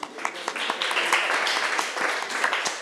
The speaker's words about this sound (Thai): ถูกต้องเก่งมากปรบมือให้เพื่อนหน่อยค่ะ